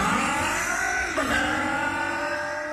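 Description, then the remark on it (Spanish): A four-stroke motorcycle engine revs loudly, its steady roar dipping briefly in pitch before climbing again. No voices. “Es protección para tu moto de 4 tiempos.”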